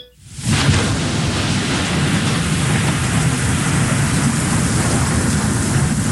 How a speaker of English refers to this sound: Wow, it's really coming down out there, man. It's raining cats and dogs.